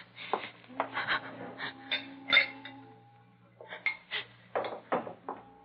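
Clinks and clatters of glassware as a glass of water is fetched, a few sharp bright taps among rustling, handling noises, over a low steady hum, with a short pause before the knocking resumes.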